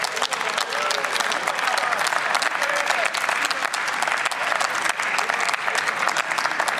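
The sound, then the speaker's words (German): Sustained applause from a large assembly fills a parliament chamber during a debate on agricultural policy, dense steady clapping at even loudness for several seconds, with faint murmuring voices underneath. “Der Applaus gibt ihm recht.”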